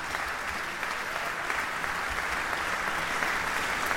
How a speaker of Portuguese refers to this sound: São os aplausos do público aqui presente para Teresa Macedo Ferreira, que se despede dos palcos da Gulbenkian.